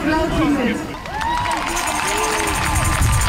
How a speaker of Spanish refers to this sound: Ambiente de esta tarde en la plaza de la catedral, justo delante del Parlamento Estatal. La gente frente a un escenario aplaudiendo los discursos contra Alternativa para Alemania.